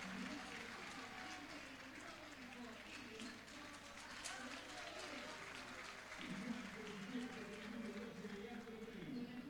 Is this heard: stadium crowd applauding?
yes